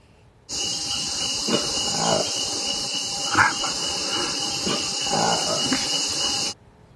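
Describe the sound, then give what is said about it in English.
A Likweli, the first new monkey species found in Africa in 75 years, with jet black fur and orange-cream lips, gives a series of rough, throaty calls in about three bursts, each rising and then fading, heard over a constant loud hiss that runs the whole time. “Jet black fur, orange cream lips, roars like a lion, but finishes like a pug.”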